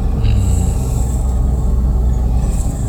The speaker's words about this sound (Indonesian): Padahal yang lewat sekarang truk-truk besar seperti itu ya.